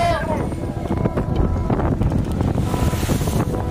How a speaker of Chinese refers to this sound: 但行船几分钟后，大海冷酷的一面慢慢展现。 今天浪是有点大、 哦、这浪真的很大，你看整个浪。